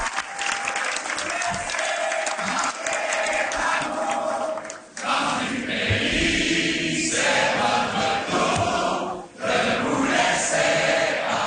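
A large crowd sings the unofficial Quebec anthem together, many voices blending into a loud, continuous chorus over a wash of cheering and applause, with two brief dips in volume.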